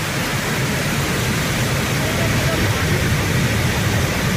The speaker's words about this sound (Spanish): Estamos escuchando la cascada del molino, ¿o qué? Porque tengo entendido unos cuantos nombres. A ver, tenemos diversas cascadas. Si es la del Molino, seguramente sea la cascada que tenemos en Peralejos de las Truchas, uno de los puntos más conocidos